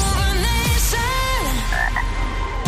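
A frog croaks loudly, several throaty, bending calls in quick succession over a steady dense background, with no one talking.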